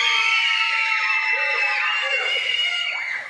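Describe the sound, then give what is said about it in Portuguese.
A large crowd of young voices shouts and screams together in a loud, sustained supporters' cheer for Canocianas, many overlapping high-pitched voices filling the space for a few seconds before tapering slightly. “E agora, cadê o grito da torcida para o Canocianas?”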